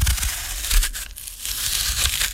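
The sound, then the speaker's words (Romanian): Crisp, crunchy sound of an apple being bitten and chewed, a steady run of bright, crackling noise lasting a couple of seconds with no voices. “Astăzi, din prima, am început de dimineață cu sunetul mărului, da, acest sunet.”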